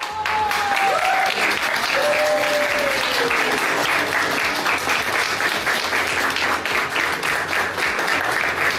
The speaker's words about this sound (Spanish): Y que por supuesto también fue ovacionado con muchos minutos de aplausos continuos, lo acabo de ver.